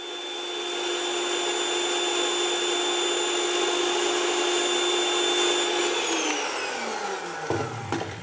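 An electric hand mixer, used to mix a dough, whirs at a steady high pitch for several seconds, then winds down, followed by two sharp knocks, a rhythm tapped in between by the person using the mixer. No one speaks.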